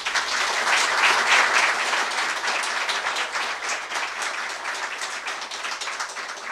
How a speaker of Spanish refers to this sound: Un aplauso, por favor.